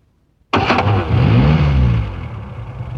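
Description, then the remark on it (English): A van engine cranks with a few sharp starter bursts, catches into a loud, low rumble that revs up, then eases into a steadier drone as it pulls away. “He said goodbye to his cousin and crawled into the hamper just as it was being put into the van.”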